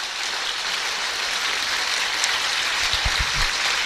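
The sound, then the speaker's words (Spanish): A crowd applauds Pope Benedict XVI steadily, dense clapping forming a continuous wash of sound at an even loudness, with a few lower thumps toward the end. “Aplauso a Benedicto XVI.”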